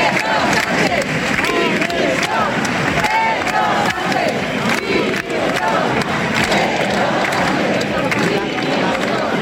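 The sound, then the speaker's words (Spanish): A large crowd of hundreds of people chants together at a rally in Gandía in support of Ceuta. Many voices shout in loud, rhythmic unison, some calling for the resignation of President Sánchez, and the chanting stays dense and continuous throughout. “Estos eran algunos de los cánticos que se escuchaban.”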